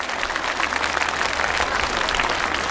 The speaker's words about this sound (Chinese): 太棒了， 哇，太牛了， 必须站起来鼓掌。